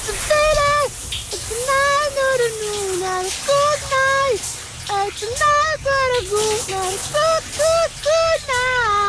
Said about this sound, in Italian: intanto andiamo sotto la doccia, sentiamo.